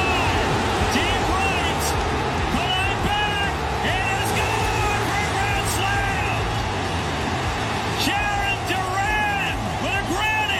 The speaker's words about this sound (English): That was a great roar right there. When the ball is in the air, you can just hear the entire stadium. They knew it was gone.